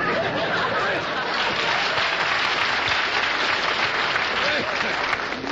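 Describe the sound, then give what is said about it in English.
A crowd applauds steadily, a dense wash of clapping that stays loud and even for several seconds, with a few faint chuckles mixed in. “They're either applauding, hoping we are dying, or they're like that last joke.”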